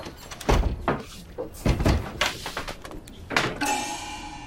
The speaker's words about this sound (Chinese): 敲个门。 你敲门管啥门嘛？ 敲上个小门嘛。